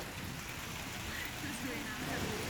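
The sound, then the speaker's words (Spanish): Heavy, torrential storm rain pours down on the Barcelona coast, Spain, in a steady, dense roar of hiss and spatter, with a low rumbling undertone that stays constant throughout. “Sin tregua, durante 5 horas las tormentas descargaron con mucha fuerza. En el litoral de Barcelona fueron torrenciales.”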